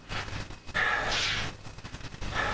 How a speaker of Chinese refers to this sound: 那解放厂现在老热闹了，放鞭炮呢。